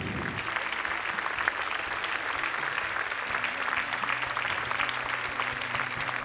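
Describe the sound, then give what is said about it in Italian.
A crowd claps steadily for the whole stretch, a dense, even patter of many hands at a constant loud level, with a faint low murmur underneath. “Un applauso, una bella foto.”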